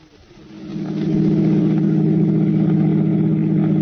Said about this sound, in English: drove towards the George Washington toll bridge, across the Hudson River in Siegel's car, with a third criminal, Bud Aldridge, following in their own car. Within a few minutes, they were on the approaches to the bridge and nearing the toll gate.